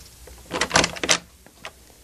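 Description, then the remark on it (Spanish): A door is opened, a cluster of clicks and a rattling scrape from the handle and latch over about a second, followed by a couple of faint knocks. No one speaks. “Mejor será que abra la puerta y lo llame.”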